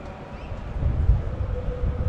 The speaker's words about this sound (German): So, jetzt wird es auch schön windig hier in der MEWA Arena. Und Wetterwarnung wurde ja vorhergesagt.